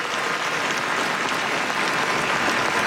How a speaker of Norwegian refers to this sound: Nå kommer kongepar ut på slottsbalkongen. Der har vi vårt nye kongepar. De vinker, og det er stor applaus fra slottsplassen.